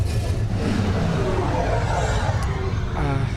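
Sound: car engine revving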